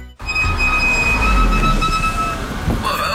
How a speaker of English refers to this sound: Brakes are hard to miss. Yeah, they've been making some noise. Yeah, it's usually worn pads.